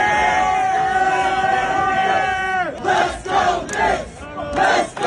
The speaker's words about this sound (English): And speaking of those 4 a.m. crowds, this was the scene along the parade route.